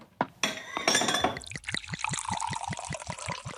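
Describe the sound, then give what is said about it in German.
A few bright glass clinks ring out as glasses are raised in a toast, their tones lingering briefly, followed by a steady splashing pour with quick rhythmic glugs. No voices are heard. “Also erheben wir unsere Gläser auf Grainer Castle.”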